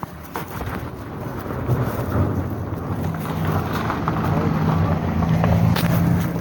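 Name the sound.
car passing by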